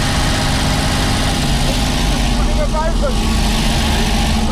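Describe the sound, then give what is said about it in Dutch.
An old Domo milk delivery van engine idles and runs steadily with a low, rumbling drone and constant vibration, loud throughout, with voices talking faintly over it. “Met de oude Domo-auto.”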